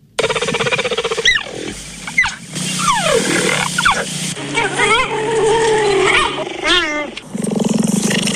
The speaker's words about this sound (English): So all of that was a cheetah. That was a cheetah. It's hard to do. Can you do it? I mean, can you? It was like a purring sound. Didn't it sound like that towards the end? Towards the end, it's also got like the chirping